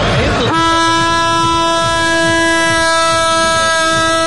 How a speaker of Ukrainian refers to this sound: Головний акустичний символ свята – шофар, стародавній баранячий ріг.